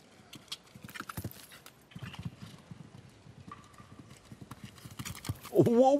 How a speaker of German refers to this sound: Wow. Da hat aber wirklich die Galoppade lang gemacht hier. Bis zum geht nicht mehr.